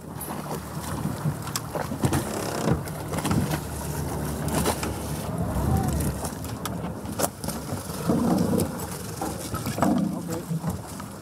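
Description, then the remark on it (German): A small inflatable boat motors at sea beside a freighter, moving away after officers board it for an inspection, its engine droning under loud wind buffeting and splashing spray, with a deeper rumble swelling now and then. “Aus Sicherheitsgründen entfernt sich das Schlauchboot danach immer sofort.”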